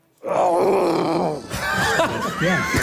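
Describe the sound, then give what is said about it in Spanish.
At the Hotel Melià Sitges, a person imitates a lion's roar with a loud, drawn-out guttural groan lasting over a second, followed by a rougher, wavering growl that rises and falls in pitch. “Comencem pel lleó, d'acord? Imitació del lleó, a veure, quan vulguis.”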